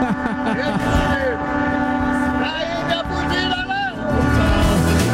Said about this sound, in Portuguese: Minha buzina tá aqui.